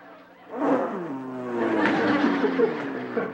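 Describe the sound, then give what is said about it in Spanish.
A voice imitates a motorcycle engine revving, a buzzy vocal rumble that rises and wavers in pitch for about three seconds. “¡Es la motocicleta!”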